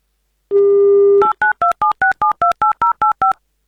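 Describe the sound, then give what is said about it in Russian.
A steady low dial tone plays briefly, then about eleven quick, evenly spaced touch-tone beeps as a phone number in the Republic of Tatarstan is dialed. The tones are loud and clear, with no voices. “Будем звонить и узнавать.”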